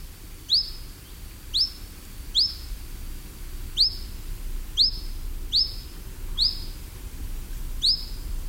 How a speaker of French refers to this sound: Le petit gobe mouche noir qu'on appelle en latin, c'est le Ficedula hippoleuca. C'est un nom assez rigolo.